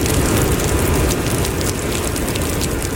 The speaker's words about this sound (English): Heavy rain is battering Tokyo as tropical storm Jangmi sweeps in.